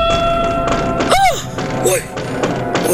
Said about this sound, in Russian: Но только что успел он это сделать, как оба глаза его вместе с глазами мельника и всех присутствующих устремились в одно мгновение на уличное окно. В окне послышался стук.